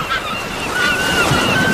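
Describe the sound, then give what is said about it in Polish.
Steady rushing surf of sea waves washing on the shore, a continuous broad roar with thin, high bird cries drifting over it; no voices. “Bardzo dziękujemy, proszę Państwa, no to żebyśmy my tak poczuli się jak koło brzegu, jak nad morzem, morza szum, ptaków śpiew.”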